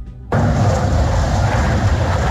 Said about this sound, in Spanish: Lo que escuchan son los sobrevuelos de los aviones Zafir, esos que están en el dispositivo de la policía, la fuerza pública, la Casa de Nariño, para intentar retomar el control después de la amenaza de un paro armado